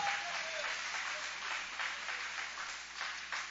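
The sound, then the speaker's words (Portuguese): A church audience applauds steadily in praise of Jesus, a dense, continuous wash of many hands clapping that holds at an even level for several seconds, with no clear voices standing out. “Pode aplaudir, pode adorar, pode louvar com alegria.”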